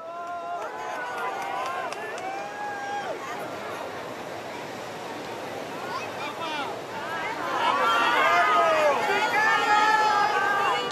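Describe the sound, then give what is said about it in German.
A large crowd of pilgrims in St. Peter's Square, Rome, fills the air with steady babble, overlapping shouts and cheers rising and falling, growing louder and more excited toward the end, as Pope Leo XIV rides through in the open popemobile greeting the faithful. “Papst Leo fährt im Papamobil im offenen Auto über den Petersplatz in Rom. So hat er Gelegenheit, die Gläubigen zu grüßen.”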